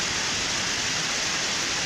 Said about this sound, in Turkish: Pazar yerinde fırtına ve sağanak yağmura yakalananlar ne yapacağını şaşırdı. Kimi tentelerin altına, kimi kahvehaneye sığındı. Fırtına nedeniyle çatılar uçtu. Kentte dolu da etkili oldu.